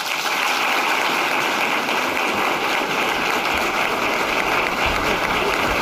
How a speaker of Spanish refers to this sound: Los aplausos a la infanta Sofía, que acaba de pronunciar sus primeras palabras en un acto institucional a sus 19 años, en el que ha sido su primer discurso oficial ante un auditorio, arropada entre el público por sus padres, los reyes